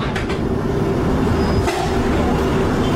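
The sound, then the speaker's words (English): A steady, loud rumble of a London Underground Piccadilly line train running underground at Hatton Cross station, bound for Cockfosters, with dense low-end roar, a faint tonal whine and a brief rattling transient partway through, no voices. “This is a Piccadilly line service to Cockfosters.”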